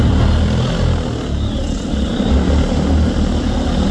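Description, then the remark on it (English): An agricultural drone's propellers roar steadily and loudly at the Field Days Drone Zone in New Zealand, a dense, unbroken whirring drone with heavy low rumble that holds level for the whole stretch, with no voices. “We sell a lot of agricultural drones, right?”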